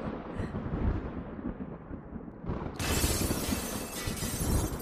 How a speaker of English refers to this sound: These clouds are getting darker. Lightning, it's more intense now. No. Look at that. The whole storm is just under us. Get down! On the floor! Just below the windows! Look at the lightning!